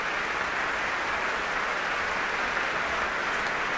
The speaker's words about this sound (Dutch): En een heel groot applaus hier in Amsterdam. Voor deze Zuid-Koreaanse pianist.